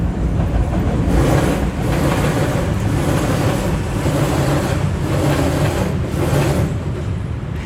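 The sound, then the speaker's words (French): A loud metro train rumbles steadily on an elevated track on a bridge at La Chapelle, Paris, joining the 10th and 18th arrondissements, arriving and departing, with heavy low-end roar and periodic bursts of clattering wheel noise, no voices over it. “Il y a cette scansion de la bête qui arrive, le métro qui part, repart”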